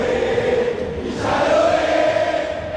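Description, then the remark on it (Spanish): A huge crowd at La Bombonera roars for Boca during a football match, a dense wall of cheering voices that swells louder midway through and stays loud and sustained to the end, with no single voice standing out. “Grita la Bombonera, escuchala.”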